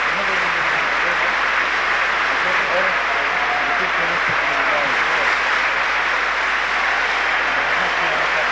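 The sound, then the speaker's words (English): A crowd of about 2,000 people at the Melbourne Town Hall in Australia applauds steadily to greet Nelson Mandela after his address to Australian trade unionists. The clapping is a dense, continuous wash that holds at full strength throughout, with faint voices and scattered calls mixed underneath. “On 3CR, you've been listening to Nelson Mandela speaking live at the Melbourne Town Hall in an address to Australian trade unionists, and in fact a crowd here of about 2,000 people who've turned out to greet Nelson Mandela here in Australia.”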